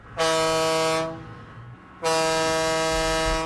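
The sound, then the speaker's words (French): Two loud, sustained ship horn blasts with a rich, buzzing harmonic tone, announcing the contest of the Fête du Lac des Nations: a first blast of just under a second, a pause, then a longer second blast that runs to the end. “Si vous étiez là hier matin, vous reconnaissez notre maintenant traditionnelle sirène de bateau qui annonce le concours de la fête du Lac des Nations.”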